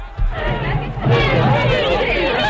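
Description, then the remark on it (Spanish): A studio audience on a TV set chatters and shouts in a loud, continuous hubbub, many overlapping voices swelling after a brief dip, energetic throughout. “No, lo digo ya por salir corriendo porque mira cómo está esta gente.”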